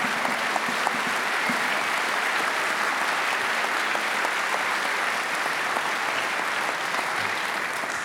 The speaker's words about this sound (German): Riesen Applaus